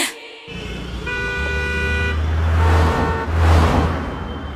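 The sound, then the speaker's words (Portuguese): Busy road traffic rumbles steadily while a car horn sounds a long sustained honk, followed by more shorter honks, with engine noise and passing vehicles filling the background. “Você está sempre correndo contra o tempo, mas no trânsito, a pressa cobra um preço alto demais.”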